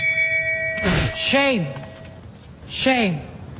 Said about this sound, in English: By the way, somebody says they love the Shame Bell. It's hilarious.